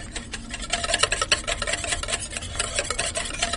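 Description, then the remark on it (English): Chocolate mousse made from chocolate and water being whisked by hand for about five minutes: a fast, steady run of scratchy, swishing strokes of the whisk against the bowl, repeating several times a second with no voices over it. “And what the whisking does is that it turns the water molecule into very, very small droplets, and that enables the fat in the chocolate to emulsify with the water and turn it into a mousse consistency.”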